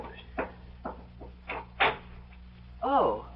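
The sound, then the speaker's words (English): A front door being opened, with several wooden clunks and rattles of the latch followed by a short creaking squeal of the hinges as it swings. “Oh, there's somebody at the front door. I'll get it.”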